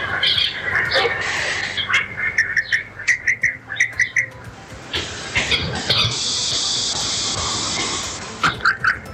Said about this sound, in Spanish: Eso me encanta, el sonido de la naturaleza en general, sea el ruido del agua, los pajaritos, el sonido del viento, todo.